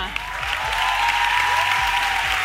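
Steady, dense applause from an audience fills the whole stretch, loud and continuous with a bright crackle of many hands clapping at once.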